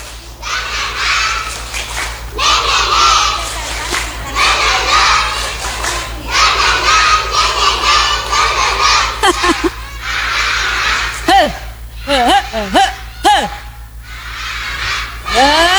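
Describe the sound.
A group of children, with their teachers asked to join in, clap and shout the 'tepuk semangat' (spirit clap) cheering chant in loud, rhythmic bursts, followed by a few high, excited voices calling out near the end.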